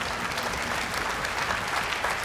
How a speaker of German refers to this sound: Applaus für unseren Geografie-Experten